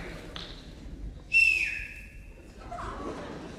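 Someone whistles a single sustained note that starts loudly and glides slightly lower, holding for about a second before fading out over quiet background noise.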